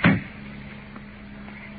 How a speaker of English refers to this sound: He's got the car door locked on both sides. Let's open the door.